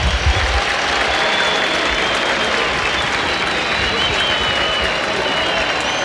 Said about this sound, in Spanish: cambio en la U, se va Elías Rojas, escuchen los aplausos.